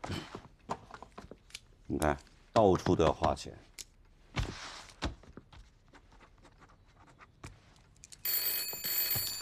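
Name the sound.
telephone ringing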